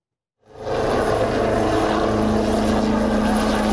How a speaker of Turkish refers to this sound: Gökyüzü önce Gökbey'in pervane sesleriyle yankılandı